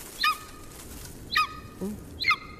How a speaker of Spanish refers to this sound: Parece una rapaz, ¿no? Es una rapaz. ¿Cómo ya? Es una señora. Es un águila. Águila real. Es un águila real.